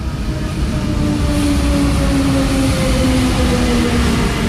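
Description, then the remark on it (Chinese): An electric commuter train on the Tenth of Ramadan City suburban railway in eastern Cairo, Egypt's first electrified commuter line, about 70 km long, rolls along the tracks with a steady, loud rumble and a faint rising motor whine, continuous with no voices. “这是埃及第一条电气化市域铁路，全长约70公里，通车至今安全运行约1500天，运送乘客超过2200万人次。”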